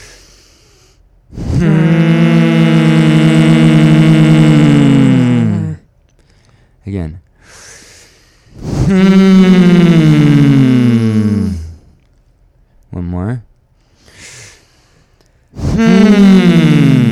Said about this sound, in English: When we breathe out, we're going to make a really big push of air, a very loud hum through our nose, pushing the air out of our nose. Try to make it even shorter, like you're just trying to vibrate, making almost a buzzing bee sound out of your nose.